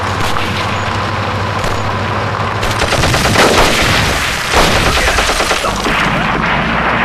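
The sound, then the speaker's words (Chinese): Gunfire from assassins rattles out in rapid bursts, loud and sharp over a steady rumbling background, with the shooting intensifying midway before tapering into scattered shots. “听到枪声了吗？果然有刺客。”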